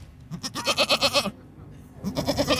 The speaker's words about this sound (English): And I'm told there will be goats. Hello, goat.